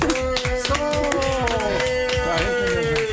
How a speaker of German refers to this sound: Langenhorn rastet aus und klatscht